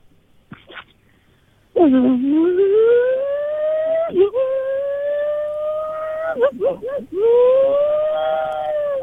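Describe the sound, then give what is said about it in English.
A radio caller vocally imitates a car engine revving: a loud, buzzy hum that climbs steadily in pitch, with brief breaks and a few quick warbling blips before one last rising rev. “Give us your best rev noise.”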